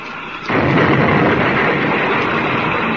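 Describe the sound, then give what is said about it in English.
After a brief hush, a heavy crashing impact bursts in and becomes a loud, sustained rumbling roar as a patched-up spaceship rams a gang ship, the two locking together and crashing, in a dramatic sound effect. No voices are heard. “They're going to ram.”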